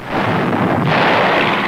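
Massed artillery, some 4,000 guns, fires day and night on German forces in the Meuse-Argonne area in a continuous, heavy booming roar, with individual blasts blurring into one thick rumble that grows harsher and brighter partway through. No one speaks.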